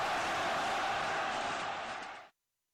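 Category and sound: crowd, stadium crowd cheering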